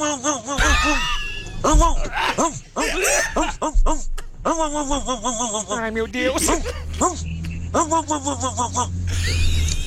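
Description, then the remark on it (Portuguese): A person imitates a dog barking in a pinched, nasal voice as an entry in a dog-imitation contest, giving a string of short, pitched yelps, while others laugh loudly and speak over the barks. “Pela primeira vez, um cachorro fanho.”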